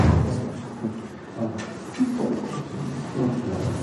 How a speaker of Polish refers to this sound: I tyle. Zamknęły się drzwi.